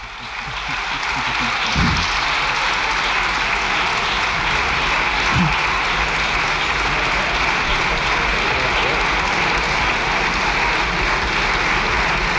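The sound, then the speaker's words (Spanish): Sustained applause from deputies in a parliament chamber, a dense steady clatter of clapping that holds at the same loud level for its whole length. “Bueno, con el músculo ejercitado, con la visita del Papa, están ahora el juego de ver quién aplaude más tiempo.”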